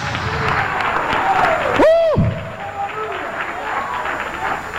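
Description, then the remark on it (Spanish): A church audience breaks into sustained, dense applause of victory to the Lord, filling the whole stretch, with a brief rising and falling whistle or voice cutting through near the middle. “Dale un aplauso de victoria al Señor.”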